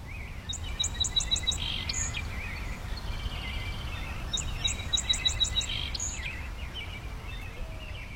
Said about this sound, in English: Okay, what are we listening to there? There's a deep, deep, dibba, dibba, deep. Yes, that is the Song Sparrow. And what you heard just there was two neighboring males singing out at one another.